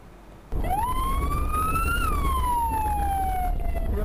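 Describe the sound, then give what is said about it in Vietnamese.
An ambulance siren wails loudly, its pitch sweeping up and then slowly falling, over a steady rumble of engine and road noise. “Anh, vừa em xem clip trên mạng ha, mọi người quay hai thanh niên đi mở đường cho xe cứu thương suốt một đoạn dài cơ.”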